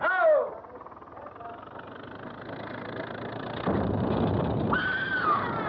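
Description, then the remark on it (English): A sharp, high-pitched scream bursts out at the start, then trails into a steady mechanical rumble; a second wavering cry rises briefly near the end over the noisy background. “Didn't you hear it? Somebody screamed.”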